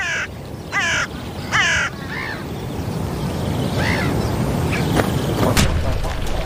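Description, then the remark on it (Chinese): A crow gives three loud, harsh caws in quick succession, followed by a few fainter calls over a steady rushing background noise, as it lands beside a group of greylag geese and their goslings. “乌鸦落到了灰雁旁边，它的目标是灰雁雏鸟。”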